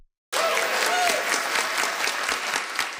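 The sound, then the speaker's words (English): A round of applause from a crowd at the Inuit Circumpolar Council General Gathering as the council's new declaration is approved: dense, steady clapping that starts abruptly after a brief silence and stays loud throughout, with a faint whistle or cheer near the start. “The Inuit Circumpolar Council's new declaration got a round of applause as it was approved.”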